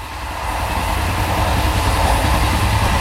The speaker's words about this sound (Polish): Napiszcie nam swoje wspomnienia, skojarzenia albo krótką historię związaną z podróżą koleją. Może pamiętacie pierwszy samodzielny wyjazd, nocną jazdę pociągiem, widok za oknem podczas wakacyjnej trasy albo osobę, którą poznaliście właśnie w pociągu.